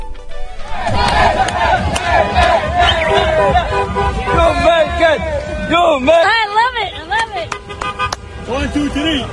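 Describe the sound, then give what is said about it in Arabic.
A loud, dense crowd of Algerian football fans shouts and cheers, celebrating Algeria's qualification for the round of 32, with wavering yells and whoops over constant babble, car horns tooting intermittently throughout. “من هذه الفرحة نذهب إلى الجماهير الجزائرية الذي أيضا فرحت بتأهل الجزائر للدور 32، لكن هذه المرة مع مشجع من نوع آخر.”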